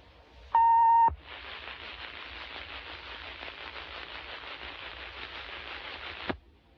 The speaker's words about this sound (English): This is only a test. For the next 60 seconds, this station will conduct a test of the emergency action notification system. This is only a test.